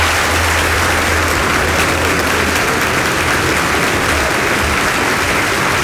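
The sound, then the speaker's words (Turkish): A crowd claps steadily for several seconds, a dense, loud wash of applause with no voices and no pause, holding at the same level from start to finish. “Alkışlamayı unutmayın.”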